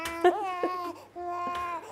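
A hungry four-month-old baby boy cries in two drawn-out, wavering wails separated by a short breath, fairly loud, with no one talking over it.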